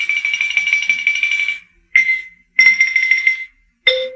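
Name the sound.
xylophone playing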